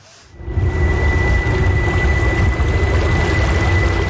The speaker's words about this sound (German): Es ist ein komisches Gefühl. Kein Brummen, kein Vibrieren. Ganz still gleitet das kleine Boot durchs Wasser im Luzerner Seebecken. Nur ein leisliches Surren hört man, das fast untergeht im Geräusch der Wellen, die gegen den Bug schlagen.